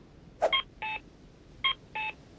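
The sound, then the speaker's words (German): An electronic cuckoo-like accessible pedestrian crossing signal for blind people, as used in Canada, gives two-note calls, a higher tone followed by a lower one, repeated twice at a steady pace. The tones are clear, with no talking. “In Kanada klingen sie wie ein Kuckuck.”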